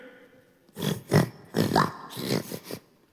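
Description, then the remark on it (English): A human voice imitates oxen lowing with four or five short, gruff, grunting bursts in quick succession, moderately loud, with no other talk. “Those are oxen.”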